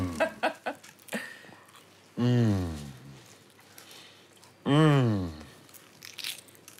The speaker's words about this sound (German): Croissants. You want to taste? Ja. Darf ich reinbeißen? Oh.